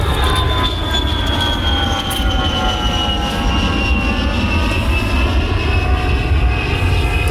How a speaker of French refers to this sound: Et je me suis endormie dans la lointaine banlieue de Cardiff, à côté de l'aéroport, bercée par le doux chant des avions qui décollent.